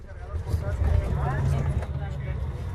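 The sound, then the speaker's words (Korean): A steady low rumble of an overnight bus engine fills the interior of the moving bus, travelling through the night to Uyuni, Bolivia, with a person talking over the constant drone throughout. “이 버스 안에는 화장실도 있고 심지어 의자가 이렇게 뒤로 젖혀집니다.”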